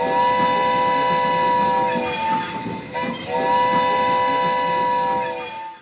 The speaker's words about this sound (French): Allez, on va prendre le cheval de fer qui nous emmène sur les territoires Cheyennes, la nation Cheyenne.